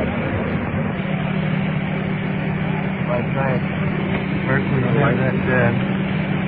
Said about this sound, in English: That rescue truck turned down a little bit.